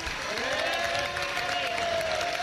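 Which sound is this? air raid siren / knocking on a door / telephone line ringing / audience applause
audience applause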